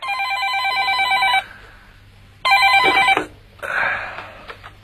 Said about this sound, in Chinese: 803还在熟睡之中，一阵急促的电话铃声把他叫醒。